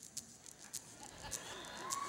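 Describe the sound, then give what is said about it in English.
Fingernails clicking, played on air on radio station 88.6 Penny Valley FM: a handful of sharp, bright taps spaced irregularly, somewhat like a typewriter, fairly quiet over a faint hiss with no talking. “Hey now, does that sound like a typewriter to you?”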